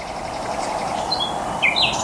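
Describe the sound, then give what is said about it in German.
A few short, high-pitched bird chirps ring out, a pair of quick calls followed moments later by a louder double call, set against a steady, noisy outdoor background hum. “Das ist der Start für 24 Stunden Vögel hören und gucken.”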